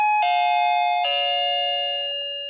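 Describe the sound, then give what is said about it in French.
A doorbell rings with a clear three-tone chime, each bright note stepping down in pitch and the last one ringing out and slowly fading. No one speaks. “Un ascenseur. Une sonnette.”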